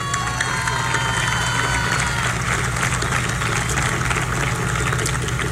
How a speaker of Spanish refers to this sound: A ustedes, queridos trabajadores de la presidencia, mi más alto reconocimiento y un fuerte aplauso para ustedes.